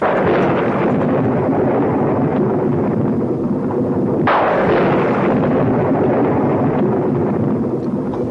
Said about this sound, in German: Der Donner grollt hier am Geburtstag